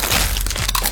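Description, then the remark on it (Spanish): Loud crunching of a crisp Crunch brand tortilla chip, a Costa Rican product made by Instamasa, being bitten and chewed, a quick run of sharp cracking bursts over about a second, with no voices. “Así suena Crunch, la tortilla chip más crujiente, saludable y deliciosa.”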